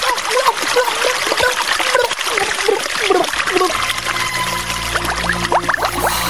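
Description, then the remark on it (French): Water gushes and splashes steadily through a hole in the hull of Christopher Columbus's sinking boat: a loud, continuous churning rush. Toward the end, thin wavering tones rise over the splashing. “La coque, il y a un trou dans la coque. Au secours, le bateau coule.”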